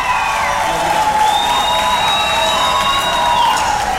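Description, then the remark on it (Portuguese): A large crowd applauds loudly and steadily, with cheering and a few whistles rising above the dense clapping, filling the whole stretch without a break. “Uma salva de palmas, gente.”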